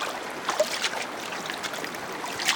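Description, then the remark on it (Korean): Soft, irregular splashes of water beyond dry reeds at dusk in the wind, a few light bursts standing out over a steady rushing, trickling wash, with no voices. “해질녘 바람에 스치는 마른 갈대 너머로 첨벙거리는 소리가 났다.”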